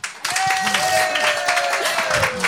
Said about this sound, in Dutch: En een van die 12 is de dame die naast mij zit. Geef haar een daverend applaus.